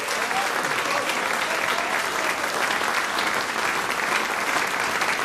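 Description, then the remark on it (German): Steady, sustained applause from an audience for the Symphonic Wind Orchestra of Feldmusik Sarne winning the Swiss championship title in Biel in May at the Federal Music Festival, a dense wash of clapping at even loudness for several seconds with no voices standing out. “Und da dafür einfach zuerst jetzt mal herzlichen Applaus natürlich auch noch von uns allen.”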